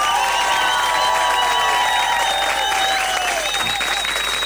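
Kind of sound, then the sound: crowd, audience applause and cheering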